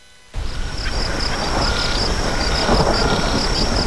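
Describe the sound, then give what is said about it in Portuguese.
After a brief moment of quiet, a steady, loud low rumble of thunder rolls in from an approaching rainstorm in the Pantanal and keeps going, with a faint high pulsing chirp running over it. “Ô, meu irmão, o tempo tá fechando, hein? Vamos fazer rastro que vem chuva aqui no Pantanal.”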